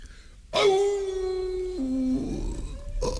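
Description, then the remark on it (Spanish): A single drawn-out wolf howl, loud, holding a steady mournful pitch before dropping lower and fading into a rough, breathy tail; no one speaks. “Era el lobo que salió a su encuentro en un recodo del camino.”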